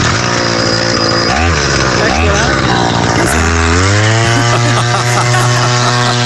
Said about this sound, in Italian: Esatto, è una motosega!